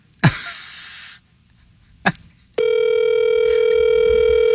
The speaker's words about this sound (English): Answer the phone.